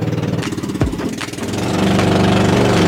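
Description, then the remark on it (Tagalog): A motorboat (bangka) engine runs loud, a steady rattling drone that swells and settles into a fuller, constant roar, as people ride the boat to visit houses. No voices are heard. “At dahil nga ibang level to, talaga namang sasakay tayo ng bangka.”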